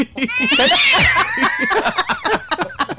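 A cat lets out a loud, drawn-out meow that rises and falls, followed by a string of shorter, choppy yowls close to the listener.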